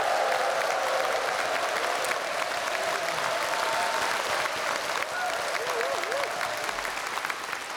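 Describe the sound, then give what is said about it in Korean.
A large audience applauds steadily for the whole stretch, a dense, even wash of clapping that stays loud throughout, with faint voices and a brief whistle-like tone rising over it. The applause welcomes the Ansan City Municipal Gugak (Korean traditional music) Orchestra at its 70th regular concert. “예, 정말 여러분 큰 박수 한번 환영의 박수 한번 부탁드리겠습니다.”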